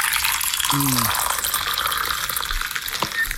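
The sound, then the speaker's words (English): Coffee pours steadily into a cup, a continuous splashing, trickling stream of liquid that runs for a few seconds without pause, with a brief low tonal hum near the start. “Now, was that a clip of someone pouring a coffee or someone peeing into a toilet? That's a coffee.”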